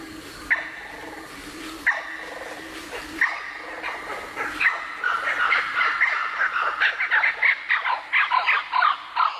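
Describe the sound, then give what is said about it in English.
A blue-winged kookaburra's harsh, cackling call builds from scattered squawks into a rapid, loud run of barking, raucous notes, with no talking. “The blue-winged kookaburra. It's not the sound of the laughing kookaburra, but the blue-winged kookaburra.”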